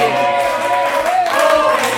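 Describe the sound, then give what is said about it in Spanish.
An audience applauds steadily for a couple of seconds, a dense wash of clapping blended with crowd noise and a sustained tonal background, fairly loud throughout. “Un aplauso para él.”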